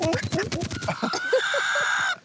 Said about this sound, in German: Ja, der Hahn schimpft. Wir beide, ne? Wir sind Kumpels.